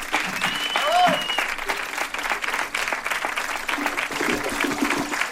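Steady, dense clapping from a sizeable audience fills the whole stretch, with a few faint whistles and cheers rising briefly near the start, all fairly close and loud.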